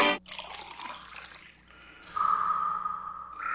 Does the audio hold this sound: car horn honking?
no